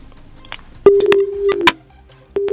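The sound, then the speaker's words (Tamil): A telephone line connecting the next caller on a radio phone-in programme: a sharp click opens a steady, low-pitched hum that holds for about a second, then another click, a brief pause, and the tone returns at the end. No one speaks. “இணைப்பில் இணையம் அடுத்த நேயர், வணக்கம்.”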